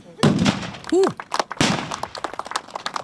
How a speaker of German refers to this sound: Applaus zwischen Pulver, Dampf und Donnerschall. Gut, 50 Kanonen haben am Wochenende für die entsprechende Lautstärke auf der Königspfalz in Tille da gesorgt.